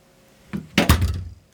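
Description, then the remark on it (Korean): A front door opens: a soft click, then a sharp knock of the latch and a short rattling thud that fades within a second, with no voices. “현관문이 열렸다.”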